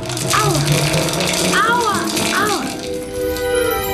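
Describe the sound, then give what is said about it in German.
Hail hammers down into a running shower, a dense, steady hiss of pelting spray filling the whole clip, while a child's voice cries out in a few rising and falling exclamations. “Sie konzentrierte sich und ließ es in der Dusche hageln.”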